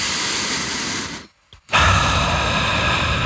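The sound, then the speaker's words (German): A long, deep breath drawn in through the nose, a steady airy rush that stops briefly near the middle and then resumes slightly louder. No one speaks. “Und zwar atmet mal ganz tief ein.”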